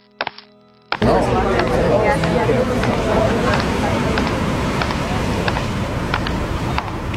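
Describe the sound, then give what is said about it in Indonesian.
After a brief quiet moment, a dense hubbub of a crowd of people pressing and pushing in swells up and carries on steadily, many voices murmuring together, with scattered thumps and knocks through the noise. “Orang banyak akan terus berdatangan.”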